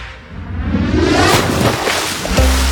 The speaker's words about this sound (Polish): Zobacz, słyszysz te fale? To wszystko z morza, to jest na żywo.